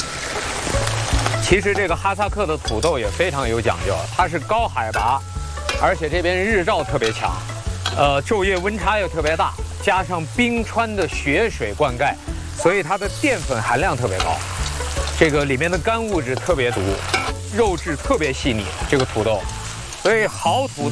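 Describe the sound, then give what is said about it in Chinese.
Steady, loud sizzling of meat and potatoes stir-frying in hot Luhua 5S pressed first-grade peanut oil, the meat added first and then Kazakh potatoes, a continuous crackling hiss with stirring, running under voices and a low humming background throughout. “我觉得这油基本上可能热了， 可以了，我们先放肉吧， 然后接下来就直接搁土豆了，放土豆。”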